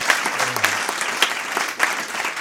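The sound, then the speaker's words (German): Steady audience applause, a dense patter of many hands clapping at an even, fairly loud level, with a few sharper claps standing out and no voices above it. “Einen Applaus.”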